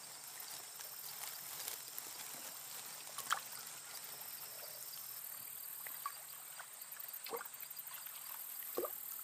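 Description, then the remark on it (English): A molting python slides into water to soak off its peeling skin, making soft sloshing and trickling with a few small, distinct splashes scattered over a steady hiss of quiet outdoor ambience. No one speaks. “All the more reason to hit the water and soak off that skin.”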